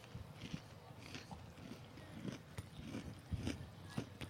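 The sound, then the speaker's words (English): Crunching of someone biting and chewing a crispy fried chicken tender dipped in sauce, eaten on a microphone, with a series of sharp, irregular crunches over a few seconds. “I am going to eat a chicken tender on mic on the airwaves.”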